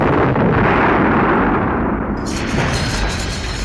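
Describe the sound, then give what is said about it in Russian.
Two shell explosions with a blast wave in the Polish town of Kasno: a loud, deep explosion roars and rumbles from the start, then a second sharp blast at about two seconds adds a crackling, hissing burst over the ongoing low rumble. “Дважды резко, сильно подкинуло их на земле взрывной волной.”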